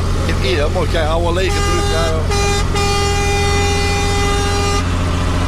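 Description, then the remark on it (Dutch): A truck air horn from the large pipe behind the truck's cab blares one long, steady, loud blast lasting several seconds, following a moment of lively voices, with a low engine rumble running underneath throughout. “Hoor hem. Oh, geweldig, dat geluid.”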